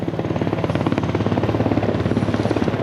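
A military helicopter roars during a demonstration at an open day for soldiers and their families at Saint-Cyr, France. Its rotor blades beat a rapid, steady thudding rhythm over a deep engine drone, loud and continuous, with no voices.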